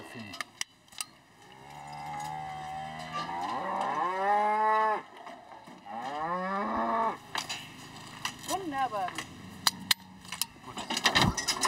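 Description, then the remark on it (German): An Angus bull lows loudly in two long, rising-and-falling moos during hoof trimming, with metallic clanks and jangling sounds scattered throughout and a low rumble underneath. “Die Klauenpflege an sich ist schon Stress genug für die Tiere. Der Angusbulle hat seine Ohrmarken verloren.”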